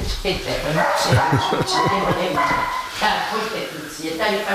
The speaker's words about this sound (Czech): Takže čeká nám tady do toho nějaký pes. Náš, to je váš pes?